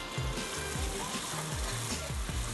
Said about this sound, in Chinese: 然后现在再把煎过的豆皮再拿来炒， 要把它煎恰恰。嗯， 皮已经恰恰，还是要切丝再来恰恰一次。